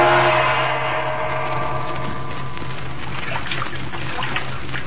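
A felucca sailboat, manned by an Arab boatman, glides slowly down the Nile, with a steady wash of lapping and trickling water and a low constant hum underneath, continuous, with no voices.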